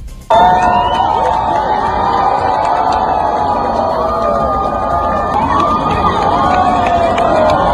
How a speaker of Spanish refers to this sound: Estos eran los gritos de emoción de las cientos de personas que observaron el eclipse total desde el puente de piedra de Zaragoza.